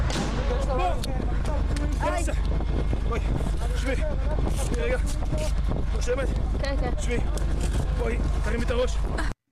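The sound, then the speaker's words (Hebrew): An explosive drone's steady, low engine-like buzz drones on without a break, loud and constant, during an attack on Israeli soldiers, while several people talk agitatedly over it throughout; filmed by an army operational documentation soldier. “היא צילמה ממש את המתקפה הזאת, ככה זה נשמע.”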